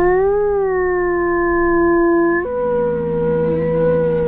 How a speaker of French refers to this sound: Ça, c'est une meute de loup. C'est une meute de loup, ouais.